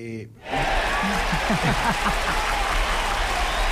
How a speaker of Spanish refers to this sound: Busca los aplausos, dale, te hacemos el aguante